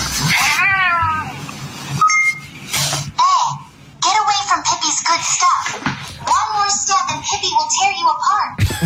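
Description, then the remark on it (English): A pet cat meows and yowls repeatedly in drawn-out, wavering cries, fairly loud, with a brief higher chirp in the middle and no talking. “it translates your pet's behavior vocalizations into human speech”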